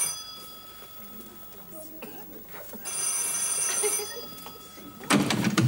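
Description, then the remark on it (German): An electronic telephone ring trills in bursts, a steady high-pitched tone pattern that swells louder midway, with faint background noise and a sudden loud rustle at the end. “Warum gehen Sie nicht ans Telefon? Das ist das sowieso für Sie.”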